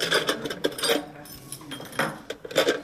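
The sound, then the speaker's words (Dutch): Metallic clinks and rattles as a tourist office employee lifts a key out of a tin box, with several short bright clatters spread over a few seconds and no voices. “Ik ga hem de sleutel geven, dus dit is een fantastische sleutel.”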